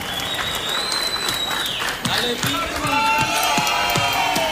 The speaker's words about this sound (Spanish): Queremos hacer la presentación de un gran amigo, paisano nuestro de Zapatoca, Santander, con un gran éxito también. Démosle un aplauso bonito a mi compadre